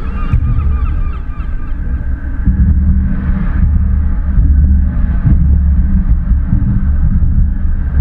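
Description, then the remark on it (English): Seagulls call in short harmonic cries in a city centre, clustered near the start, over a constant heavy low rumble like traffic or engines. Faint later calls rise and fade above the steady drone. “city centre is a concoction of pen pipes, harmonica and seagulls, who later will congregate in a different council area along the Invergarry Bay.”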